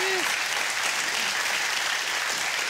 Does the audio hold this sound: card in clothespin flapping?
no